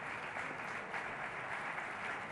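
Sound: concert audience applause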